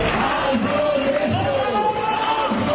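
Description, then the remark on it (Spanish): A dense crowd of housing protesters in Madrid, heading from Sol to the Congress in the morning, shouts and chants together while waving house keys and carrying signs, loud overlapping voices forming a steady roar with rising and falling sustained tones running throughout. “Llevan carteles reclamando la expulsión de fondos buitre, una vivienda digna, agitan entre gritos las llaves de casa.”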